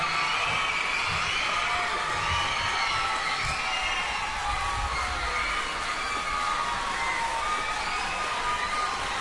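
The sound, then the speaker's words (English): A large audience at a choir competition final in the Hong Kong region cheers the winning choir of St. Paul's Co-Educational College Primary School, best primary school intermediate choir. The cheering and shouting is a steady, loud roar, with high excited children's voices whooping over a continuous wash of crowd noise throughout. “So applause for every personal comment from the primary school.”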